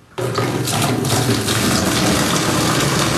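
Water gushes steadily from a tap into a bucket for a bucket shower in a condo in Lachine that has been without hot water, a continuous, fairly loud rushing splash that starts abruptly and holds without pause.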